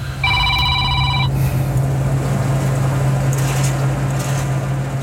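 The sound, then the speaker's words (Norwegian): A mobile phone rings with a short burst of bright, pulsing electronic tones lasting about a second, set over a steady low engine hum that continues throughout, during the grain harvest in Jæren, Norway, with a call from a grain farmer. “Oi, nå ringer det igjen her.”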